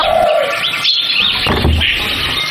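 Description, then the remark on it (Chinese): A hen squawks and clucks in a steady run of loud, strained calls lasting a couple of seconds, with no one talking. “每来一次，就有一只鸡得走。”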